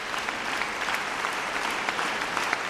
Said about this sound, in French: Et les applaudissements du public appellent maintenant les musiciens à revenir sur scène.